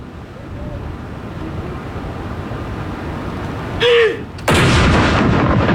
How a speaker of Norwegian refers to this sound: Alt utføres selvfølgelig med en enorm presisjon. Og det følges med på klokka. Og det kommandanten da som leder denne avfyringen av disse salutene. Første kanon!